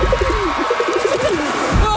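A pigeon coos in a steady run of soft, warbling low notes that rise and dip, repeating over a constant hiss of background noise.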